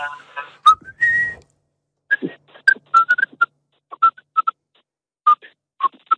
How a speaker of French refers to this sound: Moi, j'aime bien siffler, moi. Oui, ah, vas-y, qu'est-ce que tu nous siffles un petit truc, vite fait ?